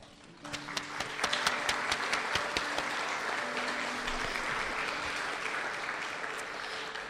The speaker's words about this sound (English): Anzu unfortunately cannot make it, but thank you again, and another round of applause for Anzu.